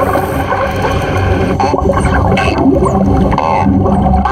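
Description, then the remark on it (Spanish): Dolphin vocalizations underwater, made just below the blowhole: a dense wash of chirps, clicks and rising whistles layered over a steady watery rumble, loud throughout with no pauses. “Aunque carecen de cuerdas vocales, los delfines se comunican mediante sonidos creados justo debajo del espiráculo.”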